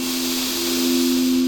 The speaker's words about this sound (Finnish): Ja syvä hengitys sisään.